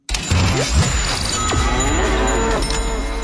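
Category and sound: animal, cow mooing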